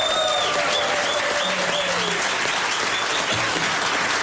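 Warm applause from a studio audience for Dick Advocaat and another guest fills the whole stretch, a steady, dense wash of clapping with faint tonal sounds drifting over it.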